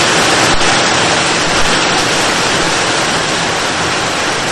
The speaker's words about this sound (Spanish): Déjeme decirle de que ya se nos vino la lluvia otra vez. Y oiga, oh, solo escuche cómo se oye de fuerte en esta.